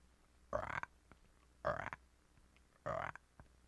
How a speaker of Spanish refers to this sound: ¿Has oído cómo hacen las ranas?